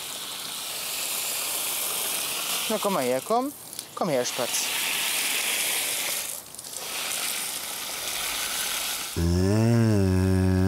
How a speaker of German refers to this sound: Lust auf eine Dusche oder eher wasserscheu heute Morgen?